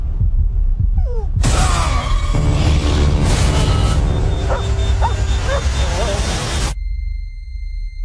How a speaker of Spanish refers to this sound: Sí, a partir de aquí son solo ladridos y sonidos.